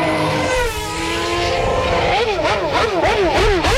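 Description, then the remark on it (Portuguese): A loud Formula 1 race car engine holds a steady high whine, then revs up and down in quick repeated surges. No one speaks. “será que eu vou dar uma geral aqui na Fórmula 1? Acelera aí pra turma aí.”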